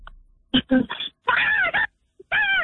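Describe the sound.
A person imitates a seagull with loud, high-pitched wavering cries in several bursts: a few short choppy calls, then two longer warbling squawks with a brief pause before the last.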